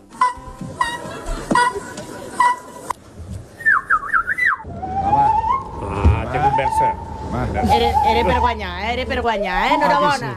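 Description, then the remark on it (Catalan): A short whistled imitation of a common rosefinch song, performed in the final of a bird imitation contest: a quick high warbling phrase lasting about a second, followed by a long wavering tone over crowd babble and voices. “va arribar a la final després d'imitar un pinsà carmí.”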